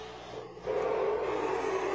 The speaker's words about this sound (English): Letting the engine sing a little bit here